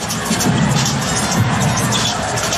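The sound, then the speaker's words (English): A loud, sustained roar of a large arena crowd cheering after a dunk by Victor Wembanyama in the first couple of minutes of a basketball game against the Wolves, a dense wash of voices that stays steady and energetic throughout, with no single voice standing out. “Here's a dunk from Victor Wembanyama in the first couple of minutes that forced the Wolves to take a timeout.”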